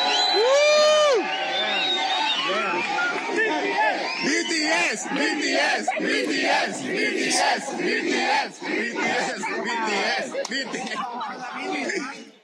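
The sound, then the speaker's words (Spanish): A dense crowd of Mexicans shouts and chants loudly and continuously at young Korean tourists passing by, many voices overlapping in rising whoops and cries, with bursts of laughter and yelling throughout. “El caso es que iban pasando unos jóvenes coreanos, X güeyes que venían de turistas y que estarán, supongo, el jueves en el partido, cuando los mexicanos les gritan esto.”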